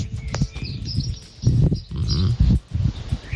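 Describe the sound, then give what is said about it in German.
Morning outdoor ambience in Göhren on the island of Rügen: low, snorting animal calls and grunts come in uneven bursts, with faint bird chirps and a steady hiss underneath. No one speaks. “Die morgendliche Stimmung auf Göhren.”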